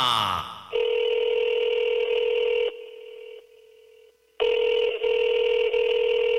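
A telephone line tone: a brief burst of dialing, then a steady electronic ring tone that drops quieter for a moment before returning at full strength, loud with no voices.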